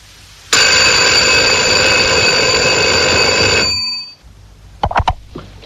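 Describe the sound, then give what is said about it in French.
A telephone rings loudly in one long, unbroken burst lasting about three seconds, then stops, followed by a few brief clicks and knocks. “Vous avez téléphone? Oui, client court 1335. Bon, attendez. Mais ça répondra pas.”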